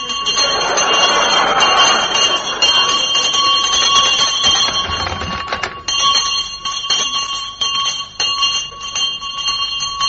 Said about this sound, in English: What the devil do you think you're doing? Leave that bell alone. Thank you very much indeed. Now, would you mind telling me what you think you're doing with that bell? I was just pulling it, that's all, mate. Just pulling it.